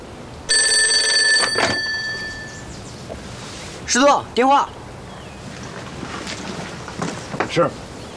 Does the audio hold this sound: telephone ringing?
yes